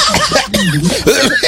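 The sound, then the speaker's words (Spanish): A woman laughs and coughs at the same time, a wheezy, breathy fit of short bursts with rising and falling pitch, fairly loud, without any words. “Esa vi que hasta tos de señora le dio.”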